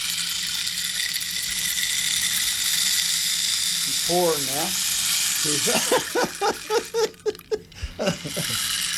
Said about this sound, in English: This is the rain stick.